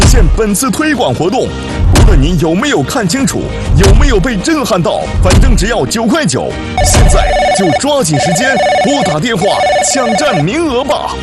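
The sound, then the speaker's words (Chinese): Telephones ring in repeated bursts amid a loud, busy mix of voices talking over one another, the electronic trilling clearest in the second half and overlapping like several lines ringing at once: the hotline of a TV shopping broadcast selling Asinuo watches, flooded with callers. “现在我们的热线电话已经快被打爆了，很多叔叔阿姨都在抢购。”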